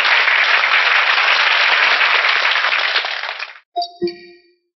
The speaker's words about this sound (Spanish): Estas tres revistas, de hecho, quedan aprobadas como órganos de publicidad del gigantesco movimiento gnóstico internacional. Un aplauso para estas tres revistas.